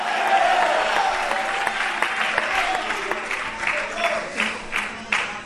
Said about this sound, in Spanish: El fuerte aplauso al Señor esta noche.